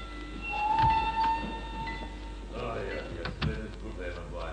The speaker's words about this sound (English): The train arriving at platform 2 is for passengers to Béziers, Montpellier, Sept, Canavan, and Lyon. Platform 2. The train is entering the station.